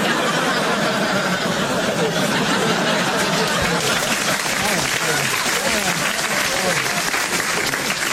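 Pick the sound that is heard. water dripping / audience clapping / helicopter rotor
audience clapping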